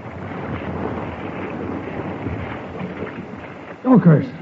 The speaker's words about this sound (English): At first it looked as though the valley might still escape. The water was running away to the south. And then, on one tempestuous night, the North Fork suddenly leaped over its banks and swept into the sheltered valley.